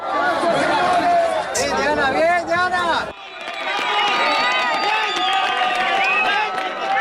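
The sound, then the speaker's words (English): A crowd cheers and shouts excitedly as a woman is rescued alive from earthquake rubble in Colombia, many voices overlapping in a loud, sustained burst of joyful noise with high-pitched cries rising above the din, continuing without pause. “Ruth, when you hear that cheering, that joy, does that take you back to those moments when you managed to pull those 7 out?”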